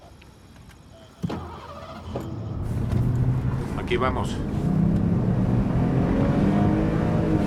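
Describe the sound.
The engine of an unmarked police patrol car without plates starts up abruptly and rises into a steady, loud rumble as the car pulls away and accelerates, with a brief spoken remark over the noise.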